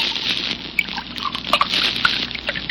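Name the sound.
drink being poured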